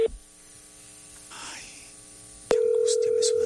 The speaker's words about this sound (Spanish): Pero esto no es timbre de celular, ¿no? No, sí. Claro, parece fijo. Es que tiene distintos tonos.